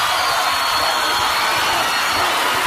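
A steady wash of applause, dense and continuous for a few seconds, with bright crackling texture from many hands clapping at once and no voices over it.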